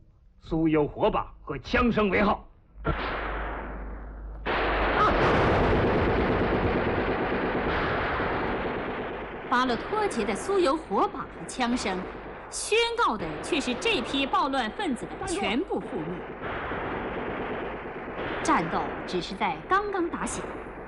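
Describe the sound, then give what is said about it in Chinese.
A loud, chaotic battle scene as border troops encircle a band of rioters: a sustained roar of gunfire and heavy artillery booms, with sharp bursts of shots crackling throughout and voices shouting amid the din. “巴洛托杰的酥油火把和枪声，宣告的却是这批暴乱分子的全部覆灭。”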